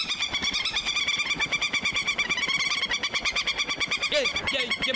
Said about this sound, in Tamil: இந்த பறவைங்க வேற